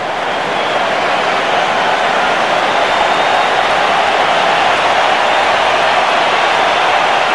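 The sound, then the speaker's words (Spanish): A stadium crowd applauds Quiñones as he is substituted off for Alexis Vega in a Mexico match, a steady, dense roar of clapping and cheering that holds at an even, loud level for several seconds with no voices speaking over it. “Bueno, pues Alexis Vega, el 10 de México, va a entrar al terreno y sale Quiñones, le van a aplaudir y lo escuchamos.”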